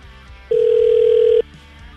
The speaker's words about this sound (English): All right, let's give him a call.